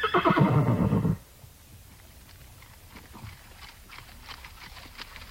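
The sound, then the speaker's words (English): A loud horse whinny opens, then gives way to soft, steady clip-clopping of hooves as ridden horses plod along in single file at a walk in the Clearwater National Forest, the footfalls overlapping and fairly quiet. “The Nez Perce and the government officers from the Clearwater National Forest mixed along in single file, their horses moving at a walk, mostly.”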